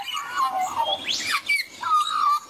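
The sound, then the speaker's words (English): An Australian magpie carols in a continuous run of warbling, fluting notes with quick gliding pitch sweeps, fairly clear, with no talking. “It's a sound many Australians are familiar with. Magpies can be seen and heard in most corners of the country, So it's no surprise the black and white bird swooped into top spot as the most commonly spotted animal in the national survey,”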